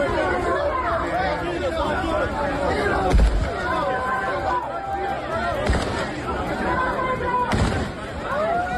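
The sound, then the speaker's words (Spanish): Three sharp gunshots fired into the air ring out a couple of seconds apart over the loud, continuous chatter of a large crowd, as police contain thousands of people rushing from the beaches to the city's port. “Los disparos al aire, se ha ido controlando el caos de la estampida inicial”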